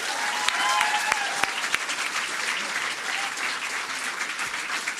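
Steady audience applause at a poetry slam in or near Crailsheim for a young performer's second slam appearance: a dense wash of clapping with a few sharper claps popping out early on and faint voices mixed in underneath.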